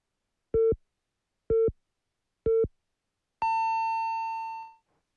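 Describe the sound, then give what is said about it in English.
A radio hourly time signal marking 6 o'clock: three short, evenly spaced beeps one second apart, followed by a longer, higher-pitched tone that holds for over a second before fading out. No voices are heard. “The time is now 6 o'clock.”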